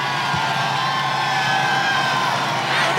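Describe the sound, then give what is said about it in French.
A very large crowd in the Place de la Concorde public square, awaiting the arrival of the Pope, cheers loudly and continuously, a dense wash of voices, shouts and whoops for the whole stretch, with no single speaker standing out. “la foule extrêmement nombreuse”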